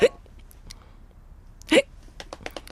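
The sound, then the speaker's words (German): Two sharp, loud hiccups from a girl who has had hiccups for about half an hour, one at the very start and another about two seconds later, followed by a few softer clicks and breathy catches. “Sie hickst schon eine ganze Weile vor sich hin, aber vielleicht weiß Dackel ja eine Lösung, die flutscht und den Schluckauf verschwinden lässt.”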